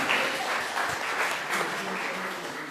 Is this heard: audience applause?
yes